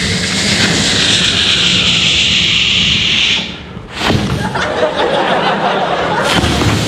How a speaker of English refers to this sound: From Britain, we have the aircraft hoverer thing. It's like... Loop de loop, sir.